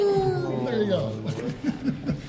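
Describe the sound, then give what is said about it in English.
A premier lets out a long, wavering wolf-like howl that slides in pitch, followed by a short burst of choppy chuckling. Fairly loud. “When was the last time you heard a premier howl like a wolf?”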